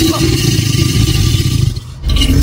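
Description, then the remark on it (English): An alligator's deep, rumbling roar, loud and low-pitched, rolling on steadily with a brief break before the growl resumes. No one speaks over it. “Our creature calling in is an alligator.”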